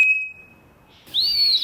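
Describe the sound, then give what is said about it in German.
Two clear bird whistles, two different forms of whistle used as motifs in bird song: a sustained steady pure tone, then after a brief gap a louder rising-and-falling whistled note, both heard alone with no talking. “Dann gibt es 2 unterschiedliche Formen von Pfiffen.”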